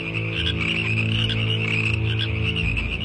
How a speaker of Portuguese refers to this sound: Vejam o que Deus começou a fazer, surgindo rãs e sapos.